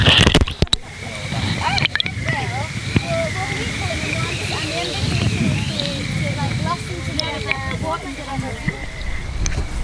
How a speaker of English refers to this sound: The Rookles tumbled down. The Rookles, one of the wildest rivers in Scotland still remaining. By the point where we're all standing here, those two rivers are flowing as one.